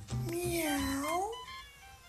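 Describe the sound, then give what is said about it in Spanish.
A single long cat meow, fairly loud, its pitch swelling up and then sliding back down over about a second, with a faint low rumble in the background, from a cat prowling the rooftops of the palace. “El gato oculto de Fren, que estuvo muy mexicano con su camiseta de la selección, ahí rondando y maullando por los tejados del palacio”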